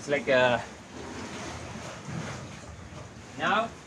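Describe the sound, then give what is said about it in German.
Sea waves surge and wash steadily inside a cave, the rough sea running high and heaving strongly up and down, a continuous rushing swell, while a voice speaks briefly at the start and again near the end. “Aber jetzt mit den Wellen geht es schon heftig hoch und runter.”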